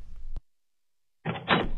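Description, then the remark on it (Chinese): A door opens: a sharp click of the latch, a moment of silence, then a loud rushing swing as it comes open, with no voices. “孙嘉文擦了眼泪去开门，门外站着去而复返的周子山。”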